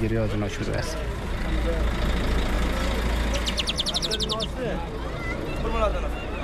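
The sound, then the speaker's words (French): A bus bound for Herat idles with a steady low engine rumble while migrant families board and a crowd of voices chatters around it; a quick run of high electronic beeps sounds briefly midway. “On retrouve devant le bus”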